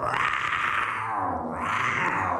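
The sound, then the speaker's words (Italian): A person playing Tarzan imitates a lion's roar, the king lion, with a loud, rough, sustained growl that lasts a couple of seconds, dips briefly partway through, then swells again. No talking can be heard. “È il leone, il re leone.”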